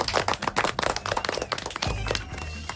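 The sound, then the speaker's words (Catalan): Loud applause: a dense burst of many hands clapping quickly and irregularly, steady for a few seconds, with a low hum rising underneath near the end. “Vinga, fort aplaudiment.”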